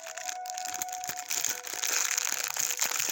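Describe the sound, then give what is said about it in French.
Continuous crinkling and rustling of paper wrapping being pulled open to take an item out, with dense crackly bursts that grow busier toward the end; no one speaks. “On va le sortir parce que le papier va gâcher le son.”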